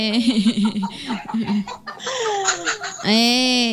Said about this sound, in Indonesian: Ribut juga ayam-ayamnya. Kayaknya. Iya, ayam itu mau bertelur.